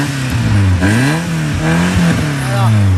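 A Miami blue Peugeot 205 GTI's engine revs repeatedly at a car gathering, its pitch climbing and dropping in several loud surges over about three seconds, with a steady throaty hum between the bursts.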